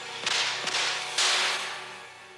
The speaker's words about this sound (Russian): Убит он был тремя непрерывными выстрелами, слившимися в один сплошной и громкий треск.